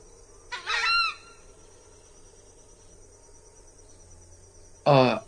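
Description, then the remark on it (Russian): Two loud, harsh honking calls from a large screamer bird, the first a drawn-out harmonic cry and the second a short blast near the end, with a faint steady insect buzz between them. “Ну, здесь мы в полной мере не можем оценить вот этих вокализов, потому что звуки очень громкие, и в англоязычных странах пиломиды называют скримерс, крикуны.”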